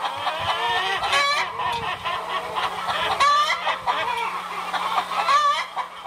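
Several rented chickens at a children's daycare center in Wittenberg, Saxony-Anhalt, Germany, cluck and squawk in a steady, overlapping chatter, with a few louder calls rising above the flock and a faint low hum underneath.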